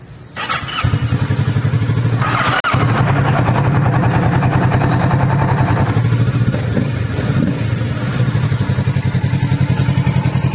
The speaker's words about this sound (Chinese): 它的 clutch， 它的 brake， cut off switch， engine push start button， 这个放手机的，给我们来开锁匙，我们 start 一下了哈。